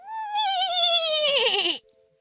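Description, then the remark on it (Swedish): A person imitates a horse's neigh: one loud, quavering whinny that slides downward in pitch for nearly two seconds, then stops abruptly. “Är du bra på att gnägga”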